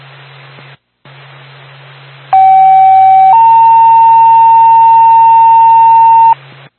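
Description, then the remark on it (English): Steady, loud emergency dispatch paging tone over radio static, the second tone sending out a Twin States ambulance to Route 3 North in Carroll: a short lower tone for about a second, then a higher sustained tone lasting roughly three seconds before it cuts off. “Twin States, send out an ambulance, second tone.”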